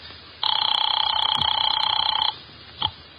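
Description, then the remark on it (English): A telephone bell rings once in a single steady, rapidly trembling burst lasting about two seconds, bright and loud, followed by a soft click shortly after. “You get Mr. Veek on the phone.”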